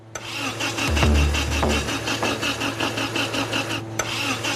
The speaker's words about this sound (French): Le moteur restauré a été installé. Encore faut-il qu'il démarre. Il a tout d'un moteur prêt à rugir. Mais va-t-il tenir ses promesses?